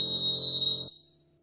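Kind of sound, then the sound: signal or alarm, referee's final whistle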